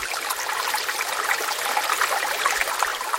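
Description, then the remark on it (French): A recording of the rumbling ocean from a record: water churning in a steady, dense rush with bright fizzing and splashing texture, fairly loud and continuous throughout, with no voices. “L'océan qui gronde, extrait du disque …”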